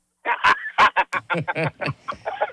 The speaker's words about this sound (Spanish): ¿Qué te parece el enigma de Merlín, el pato más viral?